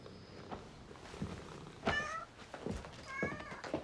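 A cat meows twice, a short high cry and then a second drawn-out one with a bright, wavering pitch, over a low murmuring background and no clear speech.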